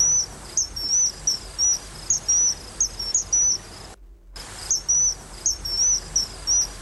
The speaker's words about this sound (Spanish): No tienes ni que meterte en el barro para ver muchísima cantidad de aves que pasan volando, que pasan por debajo del puente. Claro, para verlas o para escucharlas, como por ejemplo a este Martín Pescador.